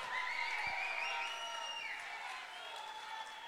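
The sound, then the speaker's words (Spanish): A crowd claps and cheers steadily for the couple representing the Araucanía region, Temuco, at a competition in Chile, a dense wash of applause with high whoops and whistles gliding over it, holding a fairly even loudness for a few seconds. “¡Aplausos para Temuco!”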